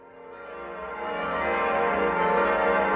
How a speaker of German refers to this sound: Die Glocken verkünden es. Das Bistum Eichstätt hat einen neuen Bischof.